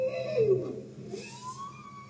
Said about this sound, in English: That's a bowhead whale.